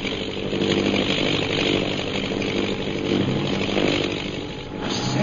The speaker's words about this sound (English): That plane's coming down. And with it, a fortune in smuggled emeralds.